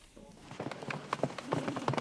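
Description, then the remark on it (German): A foal's hooves clip-clop on a hard surface along a runway where the Westfälisches Pferdestammbuch breeding association films young horses for an online auction. A quick, uneven run of sharp knocks keeps going for a couple of seconds at moderate loudness. “Das ist quasi der Laufsteg für die Fohlen.”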